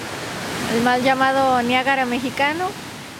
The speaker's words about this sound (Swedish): I mitten av 1900-talet var det majestätiska vattenfallet en turistattraktion som lockade människor från hela landet.